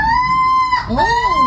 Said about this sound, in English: The crow. Yes. Yeah. Yeah, you're it's not a seagull.